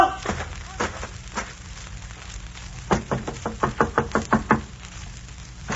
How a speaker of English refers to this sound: King George's men came marching up to the old inn door.